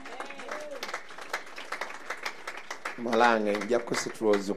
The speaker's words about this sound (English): My daughter, make you stand up and clap those hands alone. And you clap those hands alone. And you clap alone.